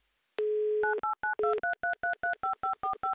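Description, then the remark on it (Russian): A brief dial tone gives way to a fast, evenly spaced run of about ten touch-tone beeps as a phone number is keyed in electronically. Clear, with no voices. “Вот так вот быстро электронно мы набрали номер телефона электронными пальцами за кадром.”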